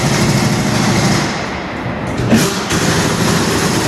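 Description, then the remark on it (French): Loud mechanical roar of wheels being removed from a truck's motor vehicle in a workshop for tyre work, a steady grinding rush with a brief sharper burst midway, heard alone without voices. “Donc là, on est sur le démontage de roues sur un véhicule moteur, donc justement pour pouvoir effectuer les opérations sur les pneumatiques.”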